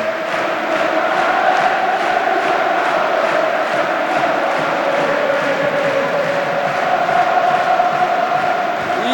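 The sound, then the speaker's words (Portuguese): FC Porto fans at the Estádio do Dragão chant the "Campeões Alé" champions chant in unison during a match against Alverca, a loud, sustained melodic roar punctuated by steady rhythmic clapping beats throughout, with no individual voices standing out. “No grito de campeões Alé, que os jogadores do Futebol Clube do Porto estão a ouvir certamente dentro do relvado, e têm que unir todas as suas forças para presentearem os adeptos com o 31º título.”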